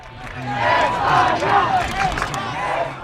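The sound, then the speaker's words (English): A large crowd at Boston City Hall Plaza, gathered to watch Spain beat Argentina 1-0 in the World Cup final, cheers and shouts continuously, a dense roar of many voices with rising yells and chanting swells, loud throughout with no break. “It was a big day yesterday at Boston City Hall Plaza as a large crowd gathered to watch Spain beat Argentina 1-0 in the World Cup final.”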